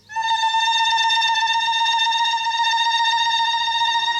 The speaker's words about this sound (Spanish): Apague mi alarma, por favor.